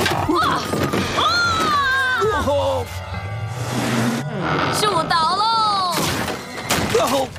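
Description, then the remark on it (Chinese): A chair is hurled and misses its target, smashing with a few loud crashing thuds, partly masked by someone yelling and grunting excitedly over the impacts. “哦，好啊，既然你这么累，就在椅子上坐会儿吧。 啊！嘿，没砸到。”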